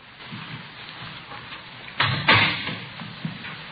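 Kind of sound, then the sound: household object, door opening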